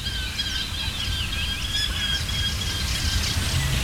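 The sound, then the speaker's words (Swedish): A Eurasian hobby calls with a series of shrill, squealing notes, repeated irregularly over a steady low rumble of background noise. It is recorded with pairs of microphones facing reeds, water and forest edges. “Lärkfalken håller låda här från tåken.”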